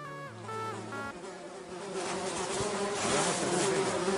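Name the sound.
fly buzzing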